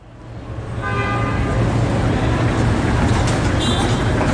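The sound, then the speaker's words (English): Busy street traffic with buses in Lima, Peru: a steady engine rumble, horns tooting repeatedly, and faint voices mixed into the dense urban noise. “And the bus network here is the backbone of its transport network for its 10 million or so residents.”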